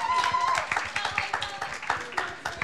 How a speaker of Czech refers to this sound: Potlesk, prosím.